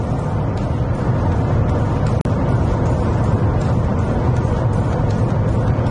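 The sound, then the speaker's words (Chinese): A car engine in Sport Mode roars steadily with the accelerator pressed down, loud, with a thick low rumble that holds for the whole stretch apart from a split-second dropout partway through. “哦，它这个 Sport Mode 它就有引擎声。”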